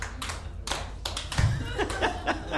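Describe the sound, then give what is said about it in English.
An audience claps briefly, a dense patter of hand claps with a few laughs and murmurs mixed in, lasting a couple of seconds at steady moderate loudness. “That's the first time I've gotten applause for that one.”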